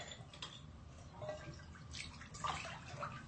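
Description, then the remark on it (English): Warm water gently sloshing and lapping in a tiled bathtub, with soft intermittent splashes and drips over a steady low rumble, fairly quiet, with no one talking. “The water is warm.”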